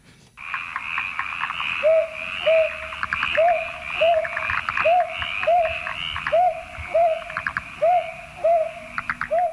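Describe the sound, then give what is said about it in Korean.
A brown hawk-owl, males and females calling to each other, gives a steady series of soft, low, rising hoots at an even pace over a dense, rattling chorus of croaking frogs that continues throughout. “솔봉이 이 소리도 서로 안놈순 놈이 그 서로 이제 이 소리를 내면서 부르는 아~ 소리.”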